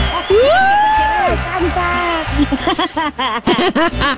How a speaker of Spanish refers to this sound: ¡Bravo! ¡Viva, viva! ¡Y el grito de las chicas!